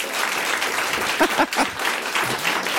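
An audience claps steadily, a dense wash of many hands applauding at close range, with a few faint voices briefly rising through the clapping.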